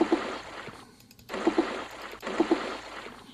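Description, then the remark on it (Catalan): Ice water sloshes heavily forward in three surging waves about a second apart, each with a splashy slap, moderately loud with no talking, as the vehicle brakes sharply at a roundabout and water from the shifted rear tank surges toward the cab. “Se sent un xof fort de líquid desplaçant-se cap a la”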